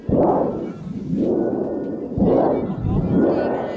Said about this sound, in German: Prospero entfacht dann einen Sturm. Dafür braucht man ein Donnerblech. Das dürfen die Zuschauer bedienen. Und das habe ich natürlich ausprobiert.